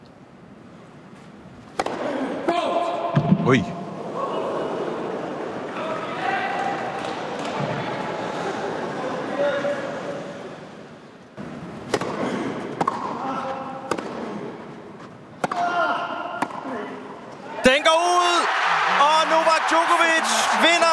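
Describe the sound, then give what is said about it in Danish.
Sharp, hollow thwacks of a tennis ball struck back and forth in the match-point rally of a Wimbledon quarterfinal between Novak Djokovic and Felix Auger-Aliassime, with murmuring voices beneath and a sudden loud eruption of crowd noise near the end. “Lad os lige høre den sidste bold til at starte med. Matchbold.”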